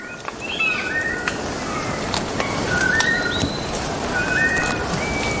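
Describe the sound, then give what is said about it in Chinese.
A ground-foraging forest bird, which spends most of its time on the ground searching for ant nests, gives its territorial call: a series of clear, whistled notes in short rising and falling phrases, repeated several times over a steady background hiss. “许多鸟类都会通过鸣叫宣示领地，然而并非所有的鸟鸣声都来自高处。”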